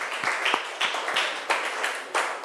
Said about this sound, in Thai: ทีนี้คุณครูก็จะต้องขอขอบคุณตัวแทนนักเรียนทุกๆคนนะคะขอเสียงปรบมือให้ตัวแทนนักเรียนทุกคนหน่อยค่ะ